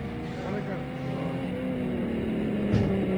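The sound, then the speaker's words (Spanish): Racing car engines drone steadily as the cars of the first heat of the Limitada Belgranense class roll onto the track at the Autódromo de General Belgrano, arriving at the hairpin, a continuous, fairly loud mechanical hum with a slight swell near the end. “Bien, y seguimos en vivo y en directo desde el Autódromo de General Belgrano, cuando ahora sí ya salen a pista los integrantes de la primera serie de la limitada belgranense”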